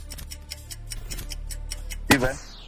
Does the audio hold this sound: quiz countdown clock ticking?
yes